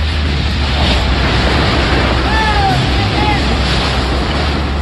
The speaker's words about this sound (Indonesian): Beginilah rekaman video amatir yang memperlihatkan kepanikan saat angin kencang menerbangkan sebuah atap di kawasan industri PT VME di Kelurahan Tanjung Sengkuang, Kecamatan Batu Ampar, Kota Batam, Kepulauan Riau, Rabu siang.